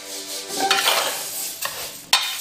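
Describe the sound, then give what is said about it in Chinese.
Glutinous rice and long fragrant rice, mixed 1:1 with star anise, bay leaves, cinnamon and Sichuan peppercorns, rustle and scrape in a pot as they are stirred and dry-toasted over low heat until golden, a steady grainy hiss punctuated by a couple of sharper scrapes near the end; moderately loud, no voices. “不要着急，小火耐心照顾到每一个米粒，直到小米粒们变得焦黄。”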